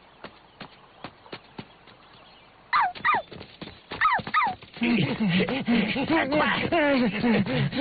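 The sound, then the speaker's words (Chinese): A rapid clatter of hoofbeat-like knocks opens, then a little dog named Huahua barks repeatedly, the yelping barks turning into a dense, continuous run of barking that doesn't let up. “花花狂吠不止，似乎在诱导他们说：“来呀！”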